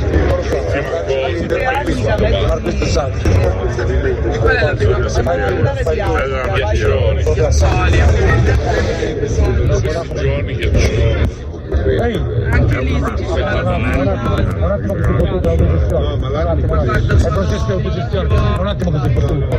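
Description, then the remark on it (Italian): A steady low rumble of a car driving, heard from inside the cabin, with road and engine noise running throughout while people talk over it. “Si guida benissimo. Ti piace? È un po' cesso la macchina.”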